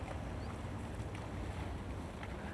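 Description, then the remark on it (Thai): Long boats being rowed on open water, heard as a steady wash of water and wind rumble, with no distinct oar strokes standing out and no voices. “แล้วก็นอกจากเรือยาวแบบนี้นะครับก็มีคายักกิ้งด้วยนะครับ”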